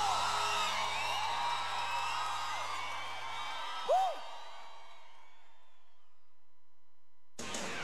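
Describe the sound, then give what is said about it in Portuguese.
A large crowd of fans in São Paulo cheers and shouts in a dense, sustained roar, with one sharp whoop rising above it before the noise fades away into near silence. “torcida! Faz barulho pro Ian em São Paulo!”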